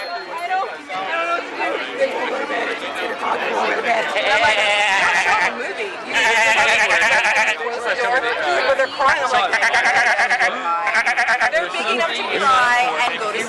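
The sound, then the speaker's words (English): Sheep bleat loudly and repeatedly, their wavering cries coming in several long bursts, with people chattering in the background throughout. “What are you doing with that sheep?”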